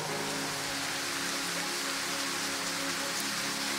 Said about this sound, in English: We are beginning the celebration before the celebration begins. Clap offering is praise to God.